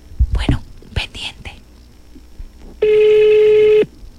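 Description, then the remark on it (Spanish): A phone call being placed: after a few soft whispered voices, a single loud, steady electronic line tone sounds for about a second, then cuts off. “Vamos a llamar en este momento.”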